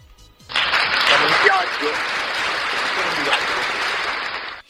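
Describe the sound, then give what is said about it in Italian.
A burst of crowd applause for Tor San Lorenzo, Italy, starts suddenly and carries on steadily for about four seconds. Dense clapping fills the sound with faint cheering mixed in, then stops abruptly. “Applauso a Tor San Lorenzo.”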